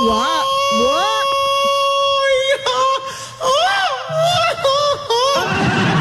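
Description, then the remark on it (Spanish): A person lets out a loud, drawn-out yell with a wavering, swooping pitch, filling most of the few seconds in repeated rising and falling bursts; a real yell, not a sound effect. “Y ese grito no fue efecto. Ese grito me lo aventé yo.”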